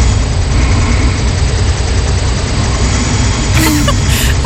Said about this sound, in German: Ich habe eine neue Smartwatch und in Nacht 1 habe ich angeblich 11 Minuten geschnarcht und das wollte ich mir halt einfach mal anhören.